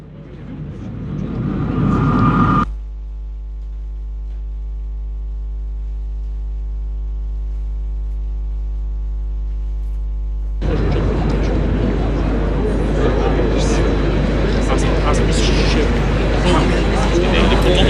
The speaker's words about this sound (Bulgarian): Ето, очакваме това, което съобщава диктора на церемонията на площада, съобщава, че очакват военно-транспортния самолет Спартан с тленните останки на цар Самуил. Ще ви оставим за малко с атмосфера от площада.